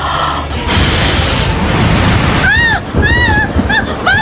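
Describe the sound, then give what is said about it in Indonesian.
Heavy rain pours down in a loud, steady hiss that fills the whole clip, with a few short rising-and-falling high-pitched tones breaking through over it near the end. “Wah, hujannya gede banget.”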